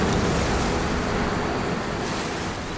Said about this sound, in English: There was not a breath of air moving, nor a sound except that of the surf booming half a mile away against the maw of rocks that gnashed their teeth with each crashing wave.